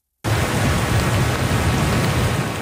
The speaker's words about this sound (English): the worst of the storm appears over, but the threat of more torrential rain remains.